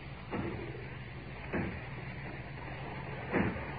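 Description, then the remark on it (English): Three heavy, widely spaced blows thud against the factory door as people try to break it down, muffled over a steady low background rumble. “As if they were breaking down the door.”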